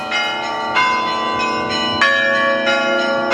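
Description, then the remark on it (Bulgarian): Several festive church bells of the Holy Mother of God metropolitan cathedral in Plovdiv, Bulgaria, ring together on a feast day in a rich, overlapping peal, with fresh strikes landing every second or so over a sustained, shimmering hum. Loud, with no voices. “Празнични камбани звънят в този момент, чувате, от митрополитския храм Света Богородица.”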